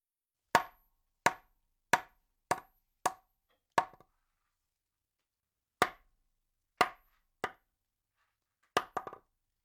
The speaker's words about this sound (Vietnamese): Kots kots và kong kong đều dùng để diễn tả âm thanh của những vật cứng va vào nhau. Do đó chúng ta đều có thể dùng để diễn tả âm thanh gõ cửa.